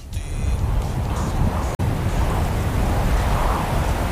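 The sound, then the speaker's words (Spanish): Ocean waves of Almería wash in a steady, full roar that swells and recedes slightly, fairly loud, broken only by a split-second dropout partway through. No one speaks. “Este sonido de las olas es porque es de Almería, por supuesto”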